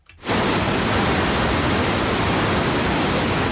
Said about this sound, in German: Es rauscht. Es rauscht einfach nur. Ja, ich gebe mal einen Tipp, ist das Rauschen von der Leinewelle? Dann ist es hier, Rapid Surfing. Absolut richtig. Rapid Surfing auf dieser künstlich angelegten Surfwelle an der Leine, da surfen die